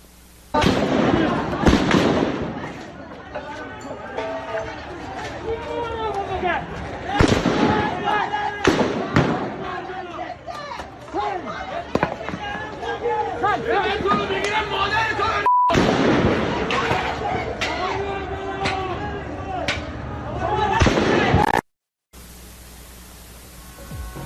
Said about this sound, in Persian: تصاویر رسیده به کارزار کشف حقیقت از کشتار 18 دی در شهر رشت هم شلیک ماموران سرکوب به معترضان رو نشون میده